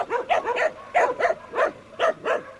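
A dog in the protection zone barks and whimpers in a quick string of short, high yelping cries, coming roughly in pairs, fairly loud with no one talking.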